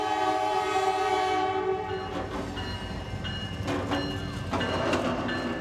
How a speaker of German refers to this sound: Direkt am Ufer verläuft eine Güterzugstrecke, auf der gerade ein 100-Wagen-Zug minutenlang alle Übergänge blockiert.